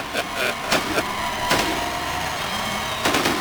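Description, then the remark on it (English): The grand finale of a fireworks show during a baseball game: a rapid, irregular barrage of explosions, sharp booms one after another over a constant rumbling wash, many bursts going off in quick succession. “As I think we have the grand finale here finally of this fireworks show.”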